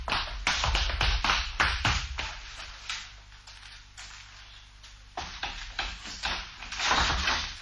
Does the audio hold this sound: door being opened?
yes